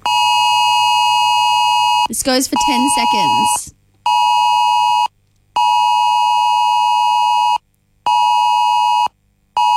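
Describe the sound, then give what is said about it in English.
A loud, piercing emergency alert tone from mobile phones, the Oz Alert, blares in long steady bursts broken by short silences, with a voice speaking briefly over it near the start. “So all of our phones are going to get a certain noise, and I'm going to play that noise for you right now so you can get a little ahead of it so you'll know what it sounds like.”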